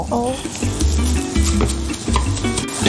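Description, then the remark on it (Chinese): Previously deep-fried ingredients sizzle steadily as they are briefly stir-fried in a hot wok, a spatula stirring and tossing them with scraping, clattering bursts every half second or so over the continuous hiss of frying oil. “咱们刚才炸过的这些个配料呢，放在锅里面。给它稍微的炒一下，加上一点点的食用盐，然后再来点薄荷叶。”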